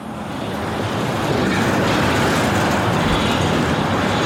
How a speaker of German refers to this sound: Ohrenbetäubender Lärm in der Kleinstadt Hürth bei Köln. Lkw drängen sich über die größte Straße im Ort.